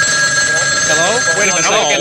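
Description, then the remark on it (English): A telephone rings with a steady, bright electronic tone that holds throughout, while voices talk over it. “It's another crank call. Nothing but cranks on the other end. Oh, listen to that. It's ringing again.”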